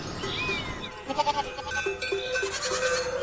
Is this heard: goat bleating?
yes